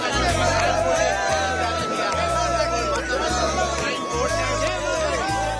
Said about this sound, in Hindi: माँ वैष्णो देवी का दरबार श्रद्धालुओं के जय घोष से गूंज रहा है। हर ओर जय माता दी की गूंज सुनाई दे रही है। लाखों श्रद्धालु अपार श्रद्धा और विश्वास के साथ माँ वैष्णो के चरणों में शीश नवाने पहुँच रहे हैं।